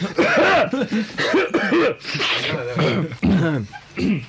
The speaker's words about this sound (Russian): Так, давайте откашляемся.